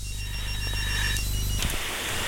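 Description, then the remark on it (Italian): A telephone rings with an incoming call, a steady electronic trill for about a second and a half, then a burst of hissy line noise. No one speaks. “La fedeltà di questa donna che non ascolta, ma ci telefona, ci chiama. Pronto? Pronto?”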